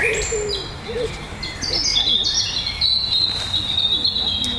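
A European robin sings loudly, a run of high, thin, liquid warbling phrases that tumble and trill in quick succession over a soft outdoor background.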